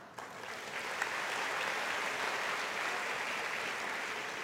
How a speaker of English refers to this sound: I know you will be clapping only for this.